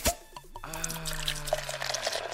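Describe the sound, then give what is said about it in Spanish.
Liquid pours steadily from a freshly opened bottle, a glugging stream with a rising, filling tone that runs for about two seconds, with faint clinks and background noise. “Les digo que ese sonido me hace como que, como cuando uno está en el minitorio, ¿no?”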